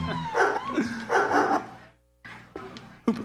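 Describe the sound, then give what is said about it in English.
A dog barks several times in quick, uneven bursts, loud, with short pauses between the yaps and no one talking. “Who brought the dog in here? Is there a dog in here?”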